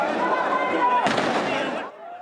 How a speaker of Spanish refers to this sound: La policía disparó municiones antidisturbios al aire y al suelo para intentar controlar la situación.